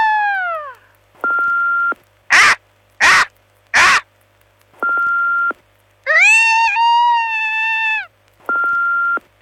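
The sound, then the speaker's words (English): Voices of people doing impressions of Max the Bald Eagle from Marathon imitate an eagle's cry with shrill, harmonic squawks and three short raspy caws, separated by steady electronic beep tones. Each imitation is loud, with brief silences in between. “We asked people if they could do an impression of me.”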